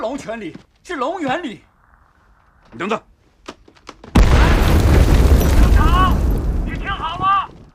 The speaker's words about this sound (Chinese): 彭总，我是站长，我在三所里正在坚决阻击梅将军。 听到炮声了